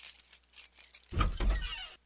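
Keys jingle in a few quick, bright rattles, then a lock clunks and the door of a house swings open with a heavier, low rumbling scrape lasting about a second. No voices.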